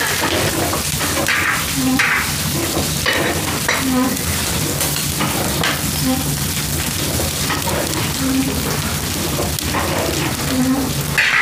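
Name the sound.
food sizzling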